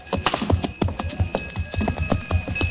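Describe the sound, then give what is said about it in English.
Camel bells on camels being driven out jingle and clank in an uneven, continuous rhythm as they fade away in the distance, with sustained metallic ringing tones under clattering strikes and no voices. “As I stood and listened to the camel bells fade away in the distance, I wondered.”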